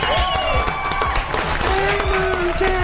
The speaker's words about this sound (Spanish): ¡Un aplauso! Gracias.